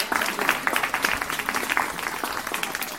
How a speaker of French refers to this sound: il est séminariste et il va être prêtre à la fin du mois. Wow, on peut l'applaudir.